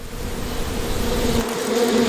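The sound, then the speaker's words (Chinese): A steady, dense, continuous buzzing of many bees, with a droning hum that wavers slightly in pitch throughout, no voices present. “我们知道，有蜜蜂的地方就有蜂蜜。”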